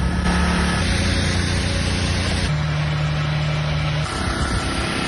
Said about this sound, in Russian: В итоге весь Крым живет на генераторах, и днем, и ночью слышен их мерный гул.